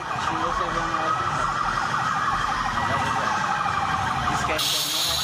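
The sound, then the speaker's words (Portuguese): Several emergency vehicle sirens wail at once, loud and continuous, their overlapping rising and falling tones layered over a steady rumble of traffic and background noise, from a funeral convoy of dozens of public-security vehicles moving through the streets of Almenara to the cemetery. “A despedida foi marcada por aplausos, sirenes e manifestações de respeito à trajetória de Charles”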